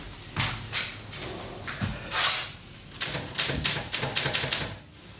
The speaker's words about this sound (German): Die Schreibmaschine.